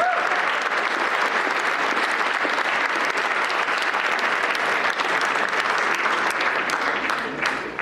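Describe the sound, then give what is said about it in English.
Sustained, loud audience applause for an award winner at an awards ceremony, a dense wash of many hands clapping steadily for several seconds with no pause, tapering only slightly at the very end. “But before we do that, let's give him another huge round of applause.”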